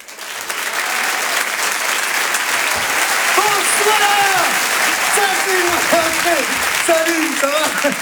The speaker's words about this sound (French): On va changer de répertoire, comme on dit, avec un humoriste qui va nous rejoindre maintenant. Je vous demande un tonnerre d'applaudissements également pour Djal.